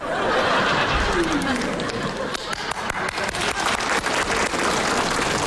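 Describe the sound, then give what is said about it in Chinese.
An audience in Beijing breaks into sustained applause for a performer singing a passage from the Peking opera Silang Tan Mu, a dense steady crackle of many hands clapping that holds loud throughout, with a murmur of crowd voices and a little laughter mixed in. “你一跟你衣服给你鼓掌了。 别鼓，别鼓掌”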